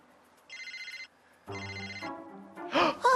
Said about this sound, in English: My cell phone's ringing!